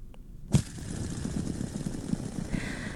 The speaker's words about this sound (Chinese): 答案就是可以在我们手掌上玩的这个指尖陀螺 fidget spinner。